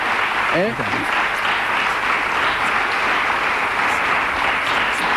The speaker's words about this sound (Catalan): Porque lo primero que vamos a hacer es pedirte una ovación gorda y que... Mira, fíjate la ovación de la...